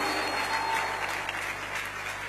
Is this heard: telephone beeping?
no